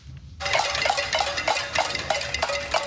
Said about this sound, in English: Hundreds marched in the streets of the capital of Havana overnight, banging pots, burning trash, and shouting, "Turn on the lights."